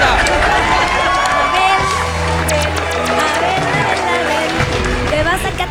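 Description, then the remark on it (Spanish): A game-show studio audience bursts into loud, continuous cheering and applause after a contestant's correct answer, with sharp claps and excited shouts. A steady low tone sounds beneath the crowd for a few seconds midway. “¡Aplauso enorme!”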